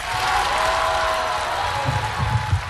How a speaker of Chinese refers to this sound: 感谢大家热烈的掌声啊！